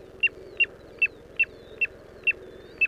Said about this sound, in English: This is WSHU's Bird Song Break. This week, the tiny but mighty piping plover.